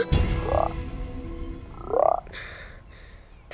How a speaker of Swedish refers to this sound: 2 grodor. Var kom de ifrån?